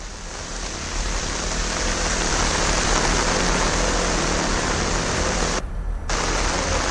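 Heavy rain pours down in a dense, steady hiss that stays loud and constant throughout, with a brief dip in the texture near the end. More than 100 millimetres of rain has fallen in the area. No voices are heard.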